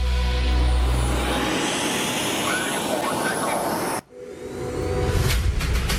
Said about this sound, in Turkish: Milli Muharip Uçak Kaan'ın yeni görüntüleri TUSAŞ tarafından yayımlandı. O görüntüleri ekranlarınıza taşıyoruz. Kaan savaş uçağının P-1 prototipinin yer testinden görüntüler geliyor ekranlara.